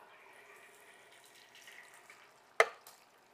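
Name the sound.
tomatoes sizzling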